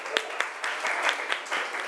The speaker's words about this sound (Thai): ปรบมือดังๆให้กลุ่มที่5ค่ะ